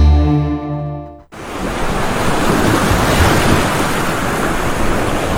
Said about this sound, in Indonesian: Laut bisa tampak tenang, tapi di waktu tertentu, ombak bisa berubah ganas. Ombak besar atau gelombang tinggi bisa datang tiba-tiba, menghantam pantai, merusak perahu, bahkan mengancam nyawa.